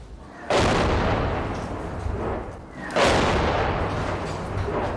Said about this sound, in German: Das hört sich nicht an wie ein RPG. Ja, es ist zu laut. Vielleicht ein Panzer.